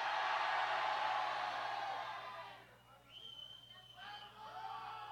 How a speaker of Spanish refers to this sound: A la cuenta de tres, todos gritan ¡Dred! ¡Una, dos, tres!